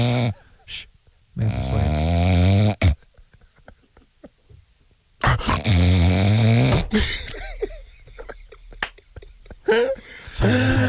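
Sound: snoring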